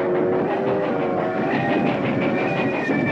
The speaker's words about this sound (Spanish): El tren entra en el puente.